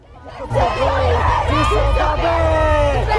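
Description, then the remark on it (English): Protesters from a Russian punk protest group and a Ukrainian activist group, dressed in black with pink balaclavas, scream and chant "Russia kills the Biennale exhibits" while punching the air at the Russian pavilion of the Venice Biennale. They are loud, with shouted voices overlapping in a sustained, rising roar throughout. “They punched the air and screamed, "Russia kills the Biennale exhibits."”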